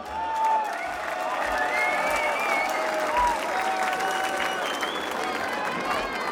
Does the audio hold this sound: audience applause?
yes